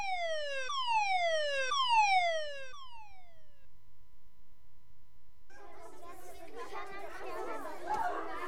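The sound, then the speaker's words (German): A school fire alarm, which was a false alarm, sounds in repeated falling electronic sweeps, about four of them, then trails off and stops; after a short silence, a crowd of voices starts chattering. “Sogar der Feueralarm hörte allmählich auf.”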